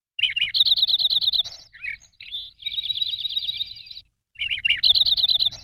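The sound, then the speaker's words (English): A Lincoln's sparrow, about 5 3/4 inches from bill to tail and passing through the valley in fall, sings bright, bubbling trilled phrases in three clear bursts separated by short pauses, with no voices and only faint low background noise. “And the Lincoln sparrow is one we only get in the fall.”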